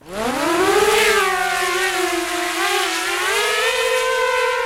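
A combat drone races over a hill in eastern Ukraine, about 20 kilometres from the front. Its engine drones loudly overhead, a buzzing harmonic whine that climbs in pitch during the first second, then holds a fairly steady tone with slight wavering. No one speaks.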